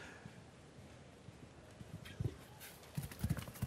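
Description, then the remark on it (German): A horse's hooves thud at a gallop over a steady noisy background, starting faint and growing louder and more frequent in the final second and a half. “Ich glaube, dieses Pferd galoppiert nicht nur durch die Sörs, dieses Pferd galoppiert in unsere Herzen hier.”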